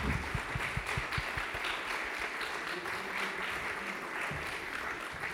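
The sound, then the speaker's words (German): A crowd applauds steadily for several seconds as Claudia Müller of the Greens is brought onto the stage at a live recording, a dense wash of clapping with a few sharp individual claps standing out near the start, loud. “Ein Applaus für Claudia.”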